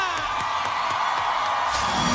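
A crowd cheers and applauds loudly and continuously, with whoops and shouts rising over a dense wash of clapping that stays steady throughout.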